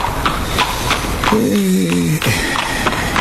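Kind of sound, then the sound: animal, horse hooves clip-clopping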